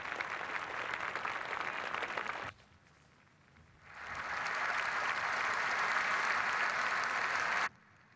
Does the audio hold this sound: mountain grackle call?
no